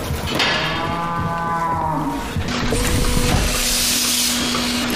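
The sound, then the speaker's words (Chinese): Dairy cows on a family farm of 70 cows in central Iceland moo loudly, one long, wavering call followed by another drawn-out low moo, over steady background noise with no talking. “如今她在冰岛中部经营家庭农场，饲养着70头奶牛。”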